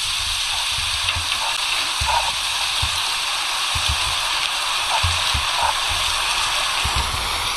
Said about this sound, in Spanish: Así llovía ayer en Villanueva de Córdoba. Es un vídeo que un vecino recogió.